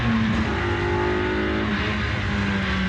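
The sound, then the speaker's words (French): A Super Seven sports car engine revs hard and steadily on a circuit, its loud, rich drone holding strong harmonic tones that shift slightly in pitch, with no voices over it. “Ah, écoute, c'est vrai que les premières sensations, voiture super 7.”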